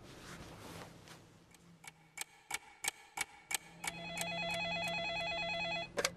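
A steady run of sharp, evenly spaced clicks gives way to a loud electronic telephone ring, a fast warbling trill that holds for about two seconds before a couple of final clicks: an incoming call from the command centre. No one speaks.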